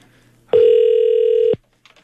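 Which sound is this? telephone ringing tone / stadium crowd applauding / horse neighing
telephone ringing tone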